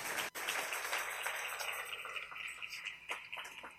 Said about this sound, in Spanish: Dale un aplauso al Rey en esta maravillosa y hermosa tarde.